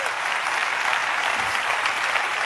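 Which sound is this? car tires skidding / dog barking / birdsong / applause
applause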